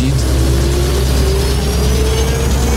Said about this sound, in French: Sur la piste longue de 4000 mètres, le Concorde accélère pour atteindre 320 km/h.